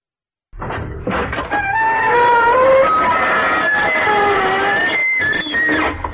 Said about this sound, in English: Good evening, you on the other side of the creaking door.